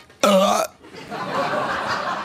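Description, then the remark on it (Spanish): A person imitates a loud hiccup with one sharp, forceful vocal burst, followed by softer breathy voice sounds trailing off. “Hombre, eso no es hipo. Eso es casi una apnea, ¿no?”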